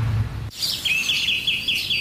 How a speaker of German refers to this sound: Hören Sie es? Die Vögel pfeifen's von den Dächern.